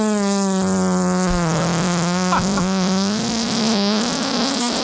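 A long, buzzing recorded fart from March 2021, played back, drones steadily for nearly five seconds, its pitch wavering slightly with sputtery flutters, loud with no talking over it.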